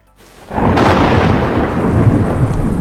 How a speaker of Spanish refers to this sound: Escuchas la lluvia golpear tu ventana.